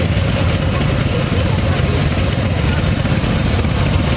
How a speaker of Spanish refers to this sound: Ahí va todo el club de motos.